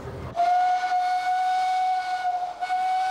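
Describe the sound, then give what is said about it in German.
The 'Elefant' steam locomotive, built in 1917 as the last steam locomotive for the SBB, blows its whistle in one long, steady, shrill note for nearly three seconds as it moves onto the turntable in the roundhouse, following a brief low rumble from the engine at the start. “In der Rotonde schiebt sich gerade unser Elefant auf die Drehscheibe.”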